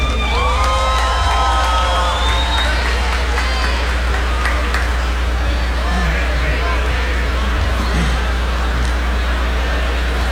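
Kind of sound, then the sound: crowd, audience applause and cheering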